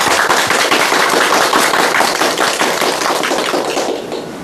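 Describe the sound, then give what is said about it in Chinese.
An audience breaks into steady applause, many hands clapping in a dense, crackling wash that holds loud for several seconds before tapering off slightly at the end. No one speaks. The applause welcomes a professor who will demonstrate a recitation of the Ballad of Mulan. “我们掌声欢迎。”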